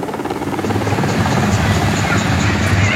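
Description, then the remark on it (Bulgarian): A military Cougar helicopter's rotor thuds steadily and loudly throughout, a continuous deep rhythmic chopping with an engine whine layered on top, during a rescue operation at the foot of Malyovitsa peak in the Rila mountains. “На място малко по-късно пристигна повикания на помощ военен хеликоптер «Кугър».”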